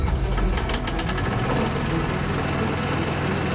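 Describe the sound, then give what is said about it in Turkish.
A pump engine idles to warm up, with a steady low rumble and rapid knocking pulses, loud and continuous throughout, with faint clattering on top and no voices. “Pompayı rölantiye al. Bir dakika daha ısınsın.”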